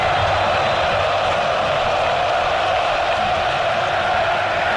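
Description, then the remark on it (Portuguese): More than 40,000 football fans at the Arena Corinthians stadium sing together in a dense, continuous roar of many voices, holding steady and loud throughout without pauses or a single standout speaker. “Mais de 40 mil aqui na Arena Corinthians, sofrendo, eles não desanimam não, cantam o tempo inteiro, ouça aqui a Arena Corinthians”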